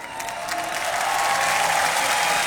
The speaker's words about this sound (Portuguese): E o público aplaude este gesto e tenta perceber se está.